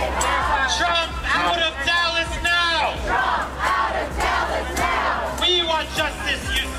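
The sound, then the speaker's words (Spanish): Hundreds of protesters gathered outside the Republican convention at the American Airlines Center in Dallas, USA, chant loudly in unison against Trump, voices rising and falling in repeated rhythmic shouts, with a constant low background rumble beneath them. “Cientos de activistas se concentraban al grito de Trump fuera de Dallas, en las inmediaciones del American Airlines Center, donde se celebra el segundo día de esa convención.”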